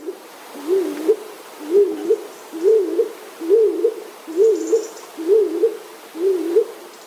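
A stock dove calls alone: seven short, dull, low coos repeated at a steady rhythm, each with a slight rising-falling inflection, moderately loud over faint background hiss.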